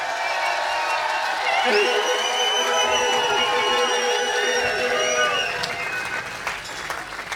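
A loud concert audience cheers, whoops and claps continuously, with high-pitched shouts and whistles rising over a dense wash of applause before easing slightly near the end.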